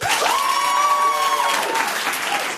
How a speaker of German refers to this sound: Hier sitzen 60 Leute, die alle geil sind. Wir hören sie jetzt klatschen.